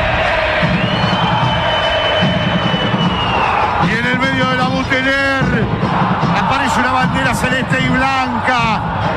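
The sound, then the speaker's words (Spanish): San Lorenzo football fans, 'los cuervos', chant together at the Videgain stadium, a loud, continuous wall of crowd voices with rising sung phrases and rhythmic shouts, the roar swelling midway through. “Escuchalos a los cuervos a pesar de todo.”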